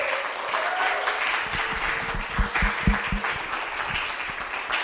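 A crowd applauds steadily for Angela Jackson, a dense wash of many hands clapping at once, with a few sharper claps standing out midway through.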